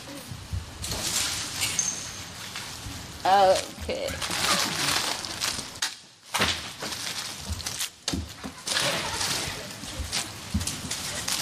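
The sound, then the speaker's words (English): Small hard candies pour and tumble continuously, making a dense rattling patter much like rain, with a brief pause midway before the pouring resumes; a voice briefly sounds in the background. “This is a rain. That's the rain with candy.”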